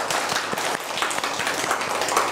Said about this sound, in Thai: เด็กๆเอาปรบมือให้ตัวเองหน่อยสิคะ